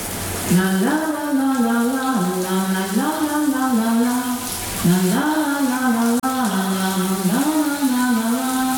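A shower tap is turned on and the shower runs with a steady hiss of spraying water throughout, while a voice hums or sings a repeating wordless tune over the rushing sound.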